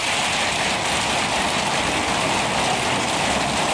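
Steady rain pours down in a dense, continuous hiss, fairly loud, with drops pattering on a surface throughout and no voices.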